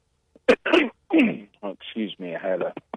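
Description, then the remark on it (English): A sharp cough bursts out near the start, followed by a few seconds of voiced, speech-like sounds at moderate loudness. “I had to cough, I'm sorry.”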